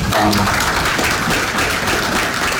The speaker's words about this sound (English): So rather than being yelled at, he got applause last night. He would have been happy about that.